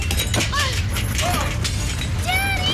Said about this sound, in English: Hey, what's going on? It's an earthquake!